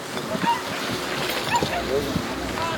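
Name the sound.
beach ambience with waves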